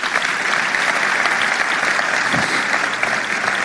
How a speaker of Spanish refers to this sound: Pueden dar un aplauso al Señor por eso.